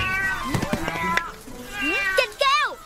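A cat meows loudly, two drawn-out rising-and-falling meows near the end, following a burst of clattering knocks and a sustained tonal sound.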